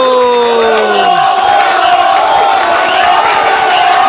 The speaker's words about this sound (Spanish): ¡Día del tachero, señoras y señores! ¡Muchas felicidades! ¡Aplauso y bravo, bravo, bravo, bravo!